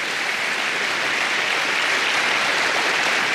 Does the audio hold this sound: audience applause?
yes